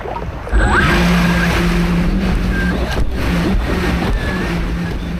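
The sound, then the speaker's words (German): The small motor of a remote-controlled Dolphin 3 water rescue drone, started in knee-deep water and steered by joystick from the beach toward a person in the water, whirs steadily over crashing surf, its tone holding with faint wavering pitch while waves and wind fill the background; no one speaks. “Das Gerät startet automatisch, dann steuert er es mit einer Art Joystick vom Strand aus auf seinen Kollegen zu.”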